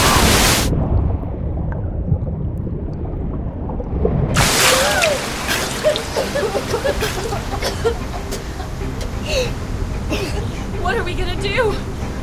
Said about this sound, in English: Now that we're in deeper water, the waves are sucking us down with them. Here comes another wave. Hold your breath.